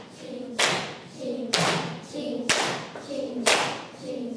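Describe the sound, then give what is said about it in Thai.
Sharp hand claps land at an even pace, about one per second, five in all, over a soft background of voices sustaining a low tone between the claps; children clap on the word "chap" in a Thai "ching-chap" rhythm exercise. “ลองทดสอบปรบมือตรงคำว่าฉับนะคะพร้อม3 4ชิงฉับชิงฉับชิง”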